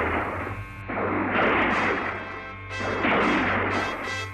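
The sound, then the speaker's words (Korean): A series of loud, sharp gunshots crack out at irregular intervals, each trailing into a rough, rumbling wash of noise; they sound fairly close and no one speaks. “총소리는 더욱 가까이에서 울려왔다.”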